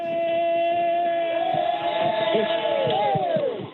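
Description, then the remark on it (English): A small outdoor crowd of supporters gathered by a vacant fisheries building in Harbor Breton, with overlapping voices and a few shouts, under a loud, steady horn-like tone that slides downward in pitch and fades at the end. “you got some crowd there?”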